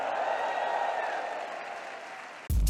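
A large church audience cheers and shouts a cry of victory to the Lord over steady applause, a loud, continuous roar of many voices that holds for a couple of seconds before cutting off abruptly.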